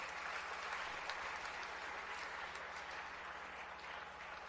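Steady audience applause for the fathers and those with birthdays fills the whole stretch, a dense wash of many hands clapping at once without pause, even in loudness throughout.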